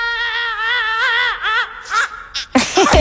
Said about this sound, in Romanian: Gata, minionului a ieșit țipătul cel lung, iar noi suntem pregătiți să auzim regulile.